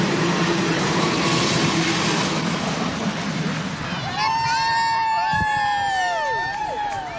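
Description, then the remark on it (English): Big Boy, the world's largest operating steam locomotive, rumbles past hundreds of people in Webster Groves on its tour from coast to coast, with a loud, steady roar and chugging, then high squealing and wavering tones rise over the din while the crowd murmurs and cheers. “It took less than a minute for Big Boy, the world's largest operating steam locomotive, to pass hundreds of people along its whistle-top tour from coast to coast.”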